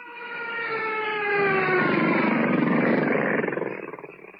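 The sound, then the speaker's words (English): Mosquitoes whine in a steady, reedy buzz on a humid night on the outskirts of a gorilla forest in Africa, the pitch sliding slightly downward, then thickening into a rougher, pulsing drone for about four seconds before fading, with no one talking. “Blast those mosquitoes!”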